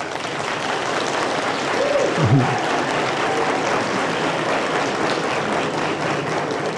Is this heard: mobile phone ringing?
no